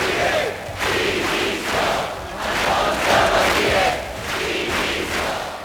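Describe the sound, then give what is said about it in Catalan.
A large crowd of protesters in Palma shouts chants in unison at midday against the police charges at Sunday's demonstration against mass tourism, loud rhythmic bursts of massed voices rising and falling in roughly one-second waves, continuous throughout without any single clear speaker. “Alguns dels crits que s'han sentit aquest migdia en contra de les càrregues policials que hi va haver en la manifestació de diumenge contra el turisme massiu.”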